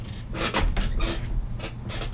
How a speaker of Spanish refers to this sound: Y escuchen todo, esta silla es nueva, del año pasado. Y ya estamos muy guatones, parece. Hay alguno muy guatón aquí en la radio. O algunos no se sientan bien. Escuchen ya cómo está sonando la silla.